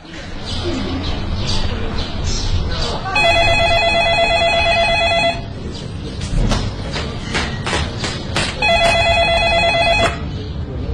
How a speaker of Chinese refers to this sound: 奶奶，奶奶，您电话。